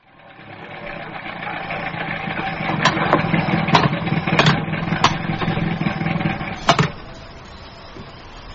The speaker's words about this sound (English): listen to that engine. Just listen to it.